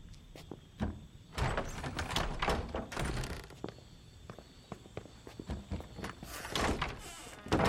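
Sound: door opening and closing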